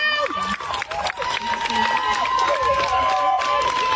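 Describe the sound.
A loud crowd of female protesters cheering and shouting "Thank you!" over scattered clapping for a defense attorney, their high voices overlapping in a continuous excited din for the whole stretch.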